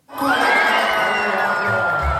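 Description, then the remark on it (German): A crowd at the pole vault meeting in Hof city centre bursts into loud cheering all at once as the winning height of 5.82 metres is cleared under floodlights around 10:30, with high shouts and whoops, and the roar holds steady at full strength for about two seconds. “So klingt es, wenn in Hof die Siegerhöhe beim Stabhochsprung-Meeting überquert wird.”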